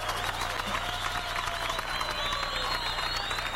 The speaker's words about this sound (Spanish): Por favor, un aplauso.